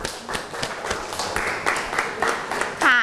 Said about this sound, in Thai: ก็ต้องขอขอบคุณตัวแทนนักเรียนนะคะขอเสียงปรบมือให้ตัวแทนนักเรียนอีกครั้งหนึ่งค่ะ